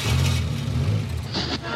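A car engine revs up loud, a deep, throbbing rumble that holds steady for under two seconds, with a short burst of hiss near the end.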